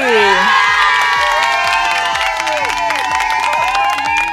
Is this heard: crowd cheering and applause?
yes